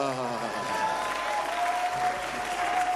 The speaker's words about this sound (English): Those who catch it, they are clapping.